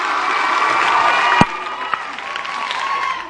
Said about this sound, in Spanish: Y un aplauso para ellos, ¿cómo no?